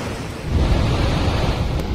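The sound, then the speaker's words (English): A dense, steady roar of heavy rain lashing Srinagar, Jammu and Kashmir, loud and continuous for the whole stretch, with a deep rumbling undertone and no voices. “Heavy rainfall lashes several parts of Srinagar.”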